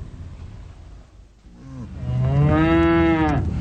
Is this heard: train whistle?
no